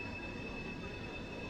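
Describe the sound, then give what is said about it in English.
A steady, high-pitched metallic squeal of train wheels grinding on the rails near a baseball game, sustained and fairly loud over a low rumbling rail noise, with no talking. “Need some WD-40 out there on those train tracks.”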